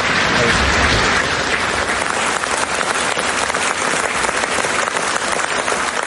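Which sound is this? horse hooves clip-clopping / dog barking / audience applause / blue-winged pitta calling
audience applause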